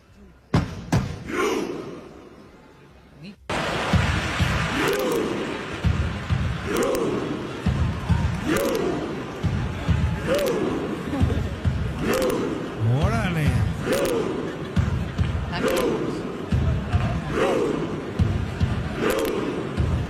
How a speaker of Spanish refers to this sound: así se va a escuchar el grito vikingo durante el Mundial.